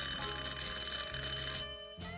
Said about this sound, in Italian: Sono le 10:15 e di colpo suona il campanello della porta. Un suono lungo e deciso.